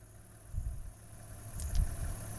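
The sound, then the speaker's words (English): A car engine idles with a low, steady rumble, swelling slightly in a couple of soft surges, while stopped by the roadside where two lions rest in the grass. It is fairly quiet, and no one speaks. “Sorry, the car.”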